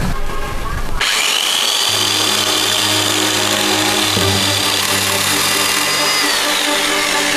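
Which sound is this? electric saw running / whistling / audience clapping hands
electric saw running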